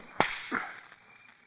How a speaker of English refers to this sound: Nobody ever made me cry but you. Nobody but you ever slapped me.